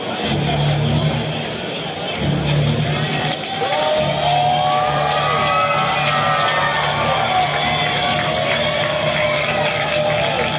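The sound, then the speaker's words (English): A large stadium crowd at a baseball game roars steadily at a 3-2 count with a runner on second, cheers and scattered shouts rising and falling over a dense, continuous wall of noise that never lets up. “Crowd making some noise.”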